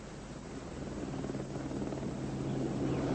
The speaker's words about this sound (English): I do believe she's coming! There's the helicopter! She's coming! Oh, she is!